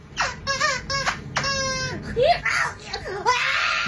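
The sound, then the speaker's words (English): A squeaky toy gives several short, high, whiny squeaks, then one longer squeal, followed by a person imitating those squeaks with wavering, high-pitched vocal squeals. “I have perfect pitch, so I'm going to squeeze this squeezy toy and then mimic the sound it makes.”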